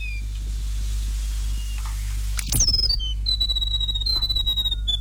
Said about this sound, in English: That's a grey warbler. Yeah. Okay, and that comes into your area. You hear that quite often. It's everywhere. It's just everywhere. Yeah, it's very, very common.